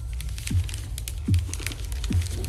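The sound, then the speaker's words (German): Crisp, irregular crackling and rustling of a crumpled paper note, found in a wastepaper basket, being pulled open, with scattered sharp crinkles and a few soft low thumps recurring about every second, no voices. “Hey, was ist das für ein zusammengeknüllter Zettel?”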